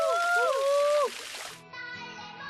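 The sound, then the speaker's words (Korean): Water pours from a waterfall made of plastic PET bottles, set up for summer water play at a rural country house, in a steady, hissing rush for about a second and a half, with high gliding voice-like tones over it, then the splash stops and sustained tonal sounds take over. “촌집 물놀이의 하이라이트는 페트병으로 만든 폭포.”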